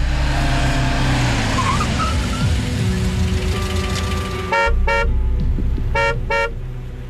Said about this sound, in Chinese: 随着有节奏的汽车鸣叫声，陈一鸣转过脸去，从救护车的驾驶室里探出了化妆成军医的黄云晴的脸。